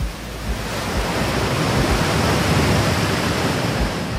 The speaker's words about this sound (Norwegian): Hvordan lyder en ø? Ja, der er nok bølger.